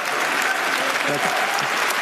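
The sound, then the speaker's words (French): Sustained audience applause at Cannes for a Polish director taking his time to begin his speech, a dense, steady wash of many hands clapping at even loudness throughout, with faint murmuring voices mixed underneath. “Et il prend son temps pour démarrer son discours, le Polonais largement applaudi.”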